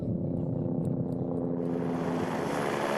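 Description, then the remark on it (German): A helicopter's engine and rotor drone steadily, a dense, unbroken low rumble with a faint rising hiss mixed in, and nobody talking. “Und im Heli drin war es eigentlich normal wie in einem Auto.”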